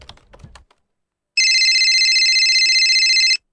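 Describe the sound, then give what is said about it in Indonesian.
A brief patter of clicks like keyboard typing, then a loud electronic telephone ring sounds steadily for about two seconds, a bright trilling tone, before cutting off. “Hingga suatu siang, sebuah telepon datang.”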